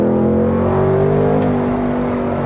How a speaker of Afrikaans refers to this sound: Ja, nee, daar is maar net een ding en dis 'n V8. Hierdie is 'n 5 liter naturally aspirated. Hulle praat van die Coyote engine. Nie monsterkrag nie, as jy nou kyk 5 liter, maar 328 kilowatt oor die 500 newtonmeter.